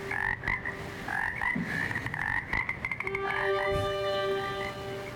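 Frogs croaking in quick, rhythmic bursts, several calls overlapping into a steady chorus, moderately loud, with no voices present.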